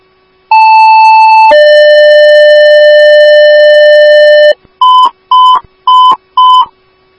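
Loud electronic dispatch all-call paging tones for Bayport, paging a motor vehicle accident with injury at 40th Street North and Paradise Avenue North: a steady high tone for about a second, then a lower sustained tone lasting three seconds, followed by four short, evenly spaced beeps. No voices.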